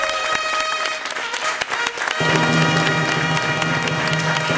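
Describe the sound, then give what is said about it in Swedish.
A studio audience at the radio music competition between P3 and P4 bursts into loud, sustained applause and cheering for P3 after it scored 40 points, with dense clapping swelling and then joined partway through by a steady musical tone underneath. “Ja, en stor applåd till P3.”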